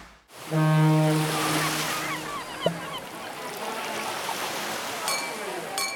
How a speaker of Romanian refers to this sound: Știm că ți-e deja dor de mare. Ți-am pregătit toate sunetele pe care le iubești. Valurile spărgându-se de țărm, terasele pline de oameni.